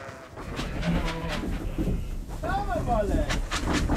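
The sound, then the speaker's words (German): Pregnant East Frisian milk sheep being moved by trailer bleat a few times, wavering mid-pitched cries with a quavering rise and fall, over a steady rumbling, noisy background that continues throughout. “Möglichst stressfrei wünschen sich Michi und Andi daher den Umzug für ihre trächtigen Schafe.”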